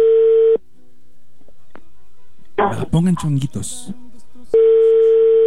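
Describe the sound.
A loud, steady telephone ringback tone sounds twice while a call is being placed, once at the start and again near the end, with a few seconds of pause between. In the gap, people talk briefly over a faint background.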